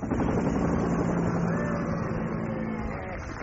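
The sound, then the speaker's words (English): A school helicopter flying, its steady droning engine and rotor noise holding fairly loud and constant for the whole stretch, with no one talking over it. “Ah, so that is the school helicopter pilot.”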